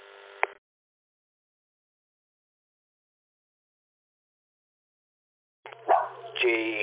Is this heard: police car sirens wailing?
no